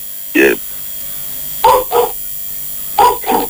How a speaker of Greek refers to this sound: Την άποψή του λέει ο σκύλος. Ε? Την άποψή του λέει ο σκύλος. Ο σκύλος είναι έξω τώρα και τραγουδάει. Βλέπει καμιά γάτα, τίποτα, κάτι θα ακούει.